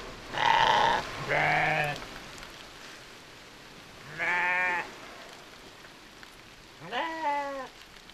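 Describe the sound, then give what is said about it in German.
Sheep and lambs bleat four times, two calls close together, then two more after long pauses, clear over a steady hiss like falling rain, with no talking; water runs off the sheep's lanolin-rich wool. “An dem Schaf, da an dem Hinterlauf, da kann man an dem Lamm gut sehen, wie die Wolle das Wasser abstößt und es langsam hinten abläuft.”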